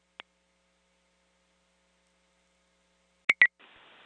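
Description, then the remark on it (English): A faint click, then two quick sharp electronic beeps followed by a steady high-pitched tone over light static, like a radio dispatch alert. No one speaks. “14 on the phone. Hold your tone.”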